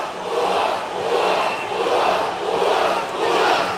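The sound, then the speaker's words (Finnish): A loud home crowd roars in protest at a tackle in which Adamo sent Gröndahl into the boards, a sustained wall of shouting and jeering that swells and dips in waves, with no clear voices standing out. “Yleisöllä on ainakin selkeä mielipide tähän.”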